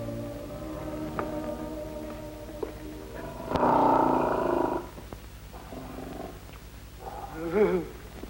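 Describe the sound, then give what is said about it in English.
A lion rumbles with a low, steady purr, then breaks into a loud, rough growl lasting about a second, followed by quieter snarls and a final rising growl, with no talking. “will face any lion, living or dead, and spit in his blooming eye”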